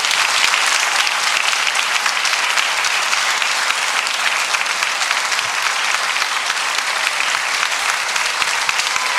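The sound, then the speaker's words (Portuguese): A church audience applauds the Lord Jesus Christ steadily for several seconds, a dense, even wash of many hands clapping at a constant loud level with no voices rising above it. “Então vamos aplaudir o Senhor Jesus Cristo.”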